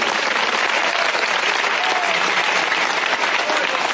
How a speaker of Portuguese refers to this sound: Pode bater as palmas.